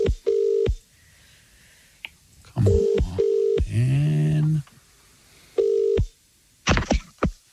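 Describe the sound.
Several short, steady telephone keypad tones beep in separate bursts as someone dials to call a listener, each a clean dual-pitch dialing tone, with a brief muttered voice and some clattering handling noise between them.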